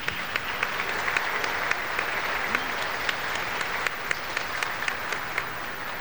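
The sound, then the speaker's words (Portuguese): A steady round of applause from many hands as a church audience at a São João Batista jubilee Mass welcomes one another, dense and sustained for several seconds with sharp claps popping out of the wash, no voices standing out. “Estou acolhendo a comunidade que participa conosco, a pastoral, e a todos nós, vamos nos acolher mutuamente com uma salva de palmas.”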